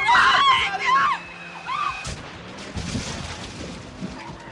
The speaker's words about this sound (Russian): Ты едешь слишком быстро, Майк, тормози. Майк, мы сейчас врежемся, Майк. Ай, останови. Я не могу. Тормоза.